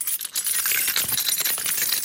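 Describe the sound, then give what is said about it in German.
A person imitates jangling keys with their mouth and clattering false teeth, producing a dense, bright, metallic rattling that continues steadily for about two seconds, fairly loud, with no talking. “Das klingt wie ein Schlüsselbund. Alles mit Mund.”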